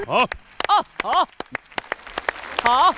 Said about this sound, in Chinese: 好， 各位狮子团的成员都在为他鼓掌，为他欢呼叫好哈。